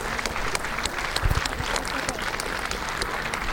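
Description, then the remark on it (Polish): Steady audience applause for a foundation's staff, activists and helpers invited on stage at an event marking the foundation's 20th anniversary, a dense patter of many hands clapping at an even level throughout, with a brief low thump partway through. “Brawa dla tych ludzi, bo dzięki nim to właśnie dzisiejsza impreza jest możliwa i inne.”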